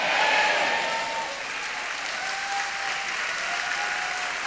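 An audience at a Spanish-language church service claps along in a dense, steady wash of applause that stays loud throughout, with no talking over it.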